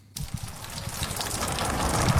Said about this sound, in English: The sound of rain overnight was welcomed for the farmers across the New England Northwest who were under the right clouds. Some haven't seen a decent drop in 11 months.